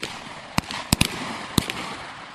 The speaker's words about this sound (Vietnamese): Những tiếng nổ rền vang trên thao trường là âm thanh của buổi kiểm tra thực hành bắn đạn thật bài 2 súng tiểu liên AK nâng cao của cán bộ học viên Trường Quân sự Quân khu 3.